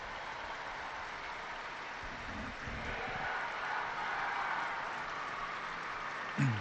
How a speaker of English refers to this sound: Big round of applause going up from the pilgrims gathered in St. Peter's Square. We heard the Pope greeting many groups from Italy and across the world.